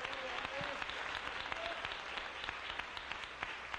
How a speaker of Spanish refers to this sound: Dele un aplauso al rey en esta preciosa mañana.